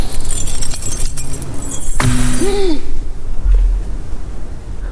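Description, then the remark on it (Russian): A bunch of keys is thrown down by a woman with a sharp metallic clatter and a brief jingle, standing out against a steady background hum, with no one speaking. “Бросила ключи.”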